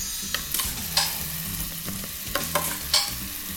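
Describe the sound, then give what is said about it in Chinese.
A vegetarian sacha-style sauce with a peanut aroma sizzles steadily as it is added to a slightly heated pan, a continuous crackling hiss broken by a few sharp scrapes and clinks of a utensil stirring. Moderately loud, with no talking. “锅子我们稍微热了一下了， 好， 我们现在先下酱进来。”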